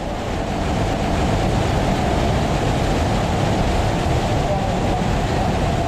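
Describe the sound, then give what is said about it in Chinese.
A rushing waterfall about 5 metres high tumbles over rock steps in three tiers of cascades, a steady, dense roar of churning water, loud and unbroken from start to finish with no pauses or distinct splashes. “这5米的高度虽然规模不大，但湍急的水流跌在台阶上，跌出了3级瀑布叠水的景观。”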